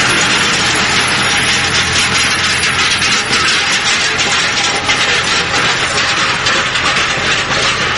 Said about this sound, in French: Le tracteur passe au-dessus de sa tête.